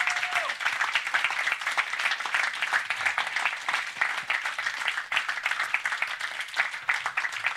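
Sustained applause from an audience for the sound technician and everyone involved in the event, a dense, steady wash of many hands clapping at even loudness for several seconds, with no voices standing out.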